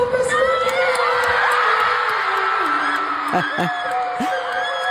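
A concert audience in Germany cheers loudly and steadily, with shrill whoops and screams rising above the dense crowd noise, sounding big.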